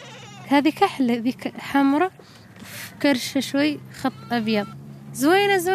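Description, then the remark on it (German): Three goats and two sheep in pens built from scrap metal on a hill in a Sahrawi camp bleat repeatedly: several quavering, wavering calls in quick succession, fairly loud, with a steady low hum underneath. “Mahjoube besitzt kein Kamel, aber 3 Ziegen und 2 Schafe.”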